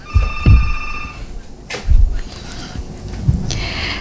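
A telephone rings for an incoming call on a phone line with a bright, steady electronic tone for about a second, then gives way to low thuds and faint clatter, with no one talking.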